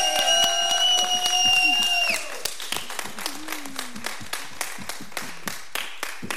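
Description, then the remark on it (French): An audience applauds the postal workers who took part in a song, clapping in a steady, rhythmic unison beat, first over a sustained high tonal note that fades out after about two seconds, then on its own at moderate loudness. “J'aimerais bien qu'on les applaudisse bien fort.”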